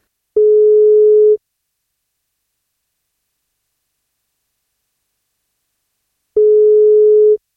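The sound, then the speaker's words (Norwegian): A telephone ringback tone on an outgoing birthday wake-up call from a radio programme: two steady, one-second beeps at a single pitch, separated by about five seconds of silence, clear with no other sounds. “men da må han svare på telefon først.”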